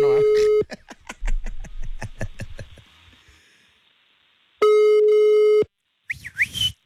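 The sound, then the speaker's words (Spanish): A loud, steady telephone tone sounds as a call is dialed, then a quick train of clicking pulses, another long tone after a pause, and a brief voice near the end as the call is forwarded to voicemail. “Vamos a marcarle a este camarada 744.”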